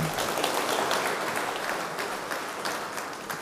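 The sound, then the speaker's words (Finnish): Warm audience applause welcoming a mission theology expert and Åbo Akademi researcher, a dense steady clatter of many hands clapping at a fairly even level for a few seconds, with no voices over it. “Ja annetaan hänelle myös lämpimät aplodit.”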